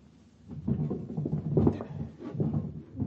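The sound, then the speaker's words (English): The wooden bottom drawer of a bureau is yanked and jiggled repeatedly, rattling and scraping as it sticks and refuses to slide open. The struggle is moderately loud, with no voices. “There's something that might interest you in the bottom drawer of that bureau.”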